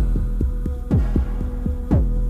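A potion of youth bubbling as it brews: a steady stream of deep, blooping pops, about four per second, with a couple of louder gurgles, over a low, constant hum. No voices.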